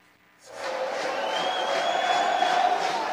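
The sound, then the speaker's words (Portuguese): A stadium crowd of Inter fans at the Limeirão during a football match swells up after a brief quiet start into a steady, loud roar of cheering and shouting that holds through to the end. “E agora é a torcida da Inter. Quem faz barulho aqui no Limeirão.”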